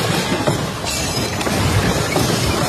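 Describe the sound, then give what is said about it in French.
A loud, continuous roar of crashing and rumbling debris as an airport ceiling in Caracas collapses during an earthquake, with several sharper impacts breaking through the dense noise. No one speaks. “Sur place, à Caracas, des scènes de chaos partout, comme à l'aéroport, ce député a filmé le plafond qui s'écroule dans un fracas.”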